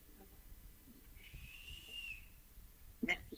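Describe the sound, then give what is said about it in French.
A small female rat, Rature, whistles: a thin, high whistle holds steady for about a second, faint, then a brief sharper squeak-like chirp pops up after a short pause. “Alors, la petite rate siffla.”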